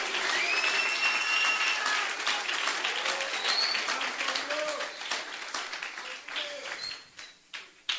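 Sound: audience applause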